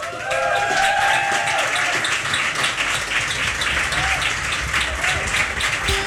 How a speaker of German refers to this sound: Applaus!